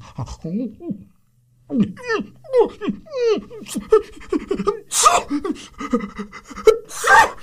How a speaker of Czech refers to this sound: I pro pána, co se to s tebou, pejsku, děje? Vždyť ty jsi nějaký nemocný.